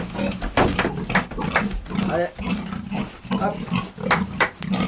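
Pigs on a farm in Pozieux that also raises cows and hens grunt and snort continuously, with occasional higher squeals rising over a steady low hum, like a busy pen full of animals.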